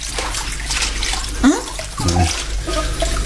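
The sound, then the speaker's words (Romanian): A faucet runs steadily as dishes are rinsed, the hiss of water continuous, with a brief squeak partway through and a faint murmur near the end. “La ora asta speli tu vasele?”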